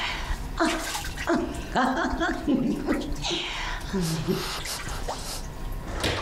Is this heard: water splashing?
yes